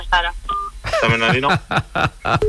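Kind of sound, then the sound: signal or alarm, telephone number being dialed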